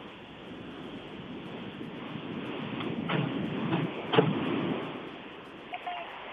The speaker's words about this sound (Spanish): El aplauso fuerte de todos los asistentes en este recinto que es la Plaza de Toros. Y bueno, pues sin duda se vive mucha emoción por esta presentación.